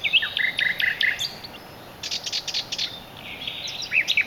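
A nightingale sings at dusk a varied, rich song of whistled phrases, rapid trills and short repeated notes, clear, with brief pauses between bursts and no voices.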